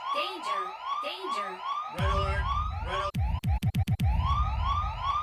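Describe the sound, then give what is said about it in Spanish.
An alarm siren sound effect, a radio show's 'alarm of greetings' for listeners, with rapid, rising electronic sweeps repeating about twice a second. Midway a heavy low boom joins, and the siren stutters through several quick cutouts before resuming. “Un saludote, porque en este momento acaban de activar, así es, la alarma de los saludos para toda la raza que sintoniza en este momento.”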